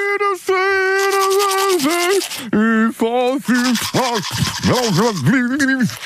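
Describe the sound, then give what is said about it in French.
Someone hums a wavering melody while scrubbing their teeth with a toothbrush. The brisk, scratchy brushing runs continuously and loud, with the muffled humming rising and falling over six seconds. “On va réécouter le jeu de la brosse à dents.”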